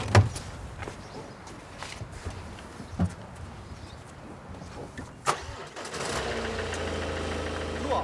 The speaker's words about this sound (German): Innerhalb von wenigen Sekunden ist das Problem bereits gelöst. Das Auto läuft wieder. Da war jetzt erstmal die Batterie leer.